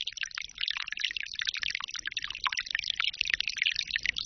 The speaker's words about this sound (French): Aujourd'hui, on peut dire que c'est une bonne petite pluie. Ah, parce qu'elle pénètre tranquille dans la terre.